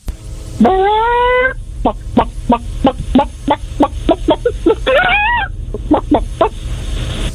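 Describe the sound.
A person imitates a chicken: a long rising squawk, then a quick run of sharp, evenly spaced clucks, another squawk, and a few final clucks, loud with no talking.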